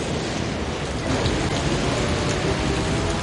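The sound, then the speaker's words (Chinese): A steady rain shower pours down, a dense, continuous hiss of drops that stays even and fairly loud throughout, with no voices or other sounds breaking through. “下雨了，大头儿子，赶快避雨。”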